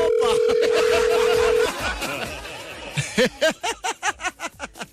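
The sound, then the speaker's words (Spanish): A steady electronic phone ringback tone of an unanswered call hums for about a second and a half under background chatter, followed by a burst of rhythmic, pulsing laughter. “No contesta.”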